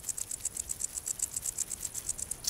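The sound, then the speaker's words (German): A wart-biter bush cricket rubs its wings together, stridulating in a steady run of high, dry ticking pulses, about eight per second, on dry grassland inland from the Baltic Sea coast, with no other sounds and no talking. “Die Heuschrecke reibt ihre Flügel gegeneinander und erzeugt so den typischen Sound des Sommers.”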